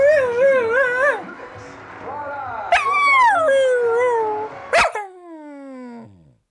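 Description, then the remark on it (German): A dog whimpers in high, wavering whines, broken by a couple of sharp yips, ending on a long falling whine. “Ach, kümmere dich doch mal um den Hund hier.”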